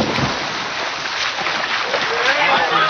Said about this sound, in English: The two shot off the side of the pool and into the water.